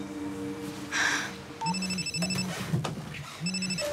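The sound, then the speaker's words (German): A phone ringback tone repeats in steady pulses, several rings in a row, heard as if through the earpiece while calling someone's home and waiting for someone to pick up, with faint background hum and no talking. “Ich rufe jetzt bei denen zu Hause an.”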